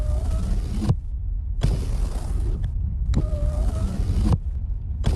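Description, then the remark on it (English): Electric car windows whir up and down again and again, four rapid motor runs separated by brief pauses, each with a droning whine over the steady low rumble of a car interior. “Oh, can you please just stop playing with the windows?”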